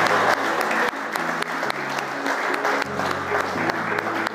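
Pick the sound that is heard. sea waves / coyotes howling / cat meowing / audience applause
audience applause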